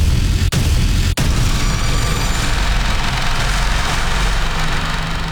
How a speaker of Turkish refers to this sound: Bu sese kulak verin. Burası Ankara, Polatlı ve tatbikatın adı Atış Serbest ve karşınızda Panter Obüsü.